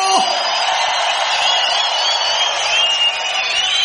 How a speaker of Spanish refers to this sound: Si es reina, dale un fuerte grito de júbilo.